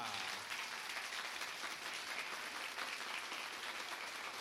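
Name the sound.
audience clapping in unison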